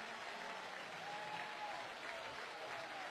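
A crowd of North Carolina Tar Heel baseball fans applauds after the batter takes a low and outside ball three in the bottom of the ninth, a dense wash of clapping that holds at an even level throughout, with faint voices mixed in beneath the applause.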